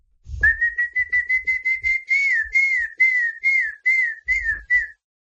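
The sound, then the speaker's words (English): A person whistles into a WhatsApp voice note a rapid series of short, bright, warbling notes in steady rhythm, imitating a famous bird call, clear with faint breathy thumps underneath. “WhatsApp user … imitating the famous call of the bird”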